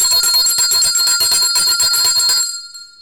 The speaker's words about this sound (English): That deserves the bell.